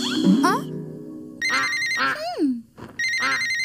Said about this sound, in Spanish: Escucha un timbre. ¿Qué podrá ser?